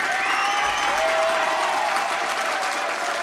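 Steady, sustained applause from a group of people as the first round of a team game ends 7-3, a dense wash of clapping at an even loudness for a few seconds with no voices on top.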